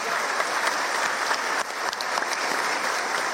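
A crowd applauds steadily for a few seconds, dense clapping at a fairly even loudness throughout, with no voices standing out above it.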